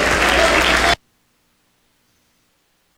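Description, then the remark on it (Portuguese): A crowd claps hands in a loud, dense burst of applause for about a second, then it cuts off abruptly into silence before clapping briefly resumes at the very end; a Pentecostal church audience of Igreja Deus é Santo clapping to give glory to God. “Bate palma e dá glória a Deus.”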